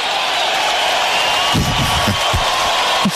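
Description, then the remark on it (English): A baseball crowd gives a sarcastic round of applause, a Bronx cheer, when a pitcher who had missed on 11 of 12 pitches finally throws a strike on a 3-0 count, a steady broad wash of clapping and crowd noise with a few low murmurs and shouts rising partway through. “Would you call that a derisive round of applause?”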